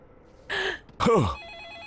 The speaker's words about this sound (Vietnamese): Điện thoại, điện thoại. Alo. Hả? Ê chà. Mới sáng sớm mà, ai gọi vậy?